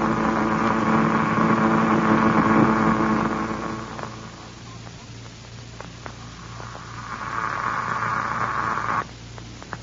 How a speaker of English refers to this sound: That disintegrator certainly cuts into the ground out there, doesn't it, Doctor? Yes, it does, Wilma. It's strange to hear its sound coming to us by radio, though, through the transmitter in Buck's presence.